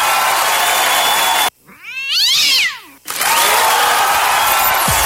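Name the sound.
cat yowling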